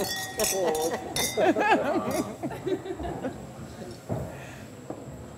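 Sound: glasses clinking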